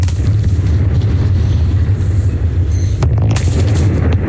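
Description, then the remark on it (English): A deep, sustained rumble of the twin 170-metre smokestacks of Liddell Power Station in the Hunter Valley, New South Wales, Australia, being demolished and crashing down, loud and low throughout, with a few sharper crackling bursts partway through; no one speaks. “Twin smokestacks at one of Australia's longest operating power stations have come down today.”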